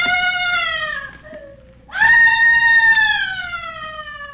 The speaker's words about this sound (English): Where is that screaming coming from?